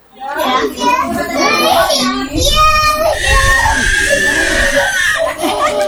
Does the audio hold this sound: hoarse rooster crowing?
no